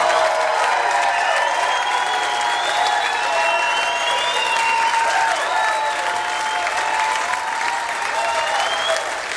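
A large audience claps steadily for several seconds, a dense, continuous wash of applause with scattered cheers and shouts rising above it, staying loud throughout.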